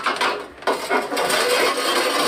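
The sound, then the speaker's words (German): Hollow knocking on freshly baked loaves of bread to test whether they are done: a quick series of dull, papery taps that repeat in an uneven rhythm over a steady background hiss, with no one speaking. “Wenn das hohl klingt, dann ist das gut. Dann ist das fertig.”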